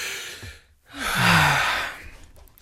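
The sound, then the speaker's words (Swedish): A single deep breath, drawn to catch one's breath, taken in and let out in a long, audible sigh, with no speech over it. “Jag ska dra efter andan så jag kan presentera det här utan flas.”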